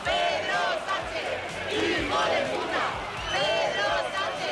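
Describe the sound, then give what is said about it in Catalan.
A large crowd in Madrid on the Día de la Hispanitat shouts angry insults such as "Hijo de puta!" at Spanish president Pedro Sánchez, loud massed voices rising and falling in repeated chanted bursts over a constant roar of noise. “Un 2 d'octubre que va ser crispat a Madrid amb aquests crits contra Pedro Sánchez”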